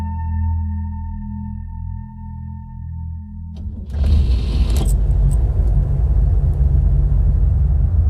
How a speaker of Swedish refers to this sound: Regnet har lämnat gatorna i Portland blanka och öde när Kathleen kör varv efter varv med bilen.